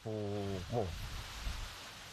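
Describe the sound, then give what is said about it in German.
Heavy rain patters steadily as a dense, even hiss throughout at night on an island, with strong wind blowing, and a brief held vocal tone and a short rising voice near the start. “Wir hörten nur noch das Pfeifen des Windes und das Prasseln des Regens.”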